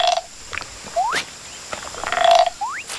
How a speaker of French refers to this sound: Il est en train de jouer avec les grenouilles de la jungle.